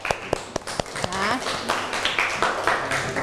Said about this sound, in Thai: เอาปรบมือเพื่อนหน่อยค่ะ